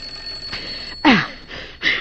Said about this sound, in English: I said the doorbell. What about it? It's ringing. Let it ring.